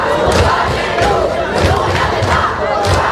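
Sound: protesting students shouting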